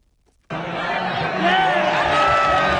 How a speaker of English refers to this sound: Jubilant soccer fans in Madrid, Spain, cheering on their team as Spain dominated rival Argentina Sunday to win the World Cup championship in East Rutherford, New Jersey.